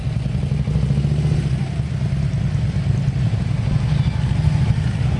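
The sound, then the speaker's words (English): A steady low rumble of several motorcycle engines running together, loud, with revving and clattering as a group of motorcyclists rolls in at Shanksville, filling the whole stretch without any talking. “Gotta love it when the motorcycle community arrives, and they must have been mustering up at the Tower of Voices”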